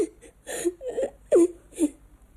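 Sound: child crying and whimpering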